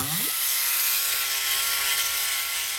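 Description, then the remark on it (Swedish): The propeller of Plåt-Niklas whirs up fast as he takes off like a helicopter to fly, its pitch sweeping upward in the first moment, then settling into a steady, loud mechanical buzz like a small helicopter rotor, with no voices. “Nu ska vi bara sätta snurr på propellen också.”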